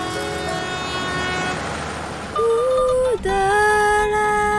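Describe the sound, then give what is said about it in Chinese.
A slow passenger train in Xide rumbles along the rails with a steady, droning tone, then its horn sounds loud in two long sustained blasts separated by a brief break. “在喜得的这趟慢火车上，是被载着稳稳前进的。”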